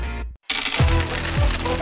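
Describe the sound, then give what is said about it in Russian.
Coins jingle and clink together in a bright, metallic shower, followed by a couple of falling coin sounds, loud and continuous after a brief silent gap, in an advertisement for a Fishka Sushi prize giveaway. “Слышишь этот манящий звон?”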